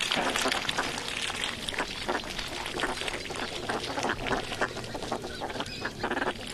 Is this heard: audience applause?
no